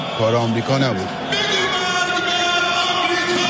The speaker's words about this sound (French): Pourtant, la marée humaine rassemblée ici sous l'imposante arche du Mossallah crie bien « mort à l'Amérique ».